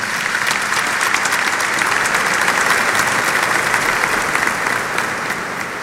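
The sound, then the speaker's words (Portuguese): An audience at a sanctuary Mass on the feast of Our Lady of the Rosary applauds the proclaimed Word steadily, a dense, even wash of many hands clapping at a constant loudness throughout, with no voices standing out. “A nossa salva de palmas, a palavra proclamada.”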